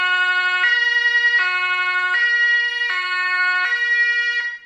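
A loud two-tone police car siren alternates steadily between high and low pitches, about every three-quarters of a second, continuous with no talking over it.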